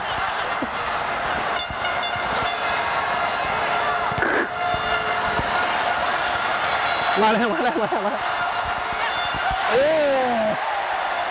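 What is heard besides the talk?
crowd cheering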